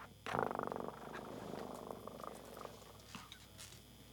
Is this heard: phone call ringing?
no